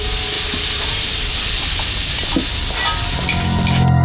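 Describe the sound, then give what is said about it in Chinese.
Steady loud sizzling and hissing of food stir-frying in a hot iron wok, with scattered metallic scrapes and clinks of a ladle stirring, continuous. “哎，那个胖子，多点上两盏灯，我这炒勺跟铁锅都看不见了。”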